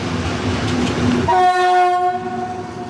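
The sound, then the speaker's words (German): A Class 298 diesel locomotive rumbles, then sounds a loud, sustained horn blast of stacked steady tones that fades slightly toward the end; no one speaks. “Das war meine Prüfungsmaschine damals. Zumindest von der Baureihe her. Das Ding? Genau, der Baureihe 298.”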